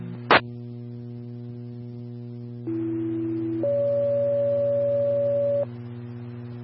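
Radio dispatch alert tones for a runaway juvenile call: a lower steady tone for about a second jumps to a higher tone held two seconds, over a constant electrical hum, with sharp clicks at the start and end.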